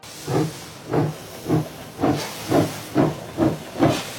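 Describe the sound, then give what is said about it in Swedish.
A steam locomotive chuffs steadily, about eight loud, hissing bursts of steam in an even rhythm as the train pulls away from Zürich. No voices are heard. “Fast när tåget lämnar Zürich är Willy Münzenberg inte med.”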